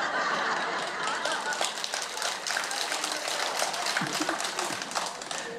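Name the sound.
audience clapping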